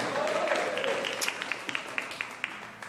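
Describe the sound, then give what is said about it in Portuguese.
An audience at a religious service applauds as they sit down, a dense wash of many hands clapping with a few sharper individual claps popping out toward the end, moderately loud and steady for about three seconds. “Senta com fé, senta com glória a Deus, senta com palmas, senta com alegria, senta na presença do Senhor.”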